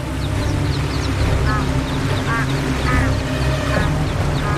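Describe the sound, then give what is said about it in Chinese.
Steady rushing river water fills the scene while several small, high peeping calls of ducklings paddling forward through the churning river break through in short bursts over the constant churn. “波涛翻滚的河流中，小鸭子们扑腾前行。”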